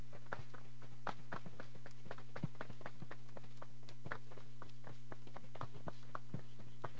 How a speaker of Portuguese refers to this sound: A todos eu peço uma salva de palmas. Muito obrigado.